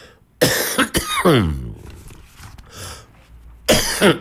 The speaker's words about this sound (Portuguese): Maldita tosse.